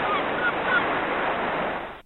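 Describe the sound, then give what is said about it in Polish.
Seagulls squeal and call repeatedly over a steady, rushing wash of surf-like noise, the shrill cries overlapping for about two seconds with no one speaking. “No właśnie, mewy nam zaczęły śpiewać i piszczeć na tyle głośno, że przysłoniły swoim głosem syntezę mowy.”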